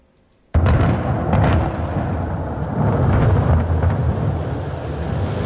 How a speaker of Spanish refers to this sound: El de los truenos y la lluvia de ayer en la zona del incendio que nos pusieron, ¿verdad?, los pelos de punta. Bueno, pues el agua ha ayudado, la lluvia ha ayudado en un momento.